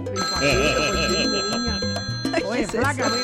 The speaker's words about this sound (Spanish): Ay, flaco, le timbró el teléfono, flaco. Ay, flaco, no. Flaco, no le puedo seguir oyendo ese audio porque le timbró el móvil y eso, mejor dicho, me tiene aturdida aquí con ese audífono.